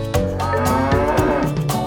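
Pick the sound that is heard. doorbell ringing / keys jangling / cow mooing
cow mooing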